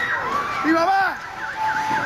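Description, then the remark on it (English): Overlapping high, wailing screams rise and fall in pitch over a steady rumbling background during earthquakes outside Caracas, Venezuela, with a man shouting in search of his mother; loud and continuous with no pauses; no distinct crash of collapsing structures stands out. “You can hear screams and buildings falling.”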